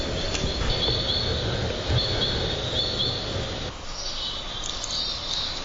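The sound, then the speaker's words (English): Birds sing steadily at 9 a.m. on a sunny August 5th, 57 degrees Fahrenheit, high thin chirps and trills repeating over a soft outdoor rumble that fades partway through, with no one talking. “August 5th, 9 a.m., 57 degrees Fahrenheit, sunny, birds are still singing.”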